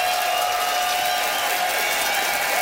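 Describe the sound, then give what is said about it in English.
An audience votes by applause for Charlie Demers, who argued for renewing wedding vows, clapping steadily in a dense, continuous wash with some cheering mixed in. It holds at an even, fairly loud level the whole time, with no talking. “It is up to you to decide, audience, by applause, who thought that Charlie had style for rewalking the aisles.”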